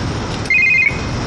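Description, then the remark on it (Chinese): A phone rings with a short, bright electronic trill, a warbling high tone lasting under half a second over a low background hum, with no voices. “我给你电话挂了，还打我了？”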